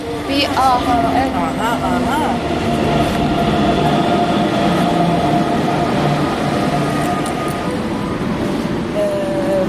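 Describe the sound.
An S-Bahn commuter train arrives at a station with a steady, loud mechanical roar and rising tonal whines, while indistinct voices murmur in the background.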